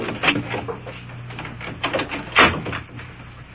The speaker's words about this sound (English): Shut the door there.